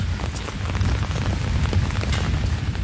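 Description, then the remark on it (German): Steady rain pours down outdoors, a dense, continuous patter with scattered drops striking surfaces over a low, rumbling wash. No voices, just the constant hiss and splatter of the downpour. “Suchen wir uns mal irgendwas, wo wir einen Kaffee kriegen und vor allem, wo es nicht ganz so regnet.”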